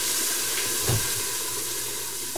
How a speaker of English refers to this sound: And is that sizzle the sound you want when it hits the pan? Yes.